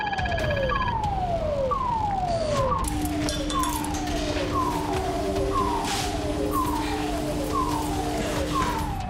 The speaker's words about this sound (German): Der Alarm jetzt ist ein Crash-Alarm. Wir gehen von einem Crash eines Flugzeugs aus.